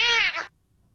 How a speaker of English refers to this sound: This is one of Ryan's personal favorites, a cat meowing at a Ring doorbell camera.